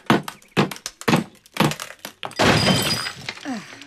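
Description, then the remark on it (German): Five sharp, ringing blows of hammers on chisels set against a wall to knock out a frame, about half a second apart, then a longer loud rush of crumbling debris falling to the floor. Three hammers and three chisels are used. “So, drei Hämmer, drei Meißel, den Meißel an die Wand, Hammer drauf und dann...”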